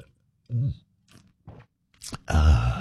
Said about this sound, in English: All right, grab a little coffee, a little juice, a little OJ, whatever you need to get your day off to a good start. We call it the morning slurp.